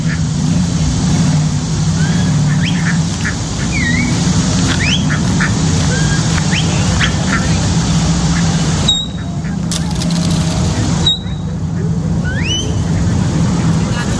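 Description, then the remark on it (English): Ducks quack and chatter repeatedly in short, scattered calls over a steady low rumble of engine or wind noise, with faint voices in the background. “Oh, watch this. The ducks.”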